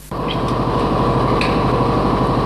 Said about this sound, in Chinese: 听那个发动机声音，我心里就高兴。越野车的声音是特别大，嗡嗡，加油门的那个声音，特别激动。